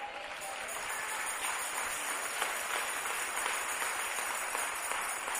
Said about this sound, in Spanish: A ver, ¿cuántos podemos darle palmas al Señor?